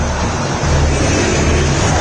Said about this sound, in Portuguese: a torcida do Cruzeiro canta. Você ouve ao fundo o som da Bandeirantes, mostra para você. Ouça o Mineirão!